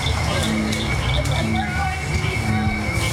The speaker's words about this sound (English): As the sky turns dark and the barely worn path is lit up by headlamps, more and more frogs start to sing.